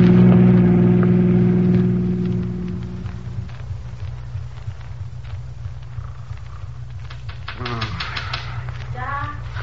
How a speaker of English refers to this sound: Somebody's tapping on the window.